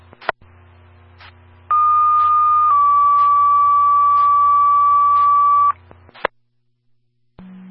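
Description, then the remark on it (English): A loud two-tone fire dispatch page for Station 11 over a radio: one steady high tone for about a second, then a slightly lower tone held for several seconds, framed by clicks and a low hum. “Station 11, you can disregard your tones.”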